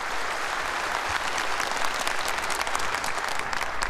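An audience applauds steadily for all the performers after a stage performance, a dense, even wash of many hands clapping at once that holds at a fairly loud level throughout, with no speaking voice over it.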